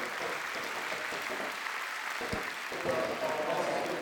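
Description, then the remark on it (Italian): Steady, dense applause from a large audience in a packed cinema hall at a documentary screening, a continuous crackle of many hands clapping at an even loudness throughout, with no voices standing out. “Facciamoli sentire questi applausi, chiedo alla regia”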